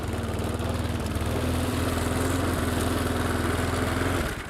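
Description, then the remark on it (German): A loud lawn mower engine drones steadily with a rattling, buzzing tone as it drives past through a garden, peaking at 86 decibels, holding a constant hum for several seconds before cutting off abruptly near the end. No one speaks. “Aber auch so bekommen wir ungefähre Daten, wer wie laut durch den Garten rattert.”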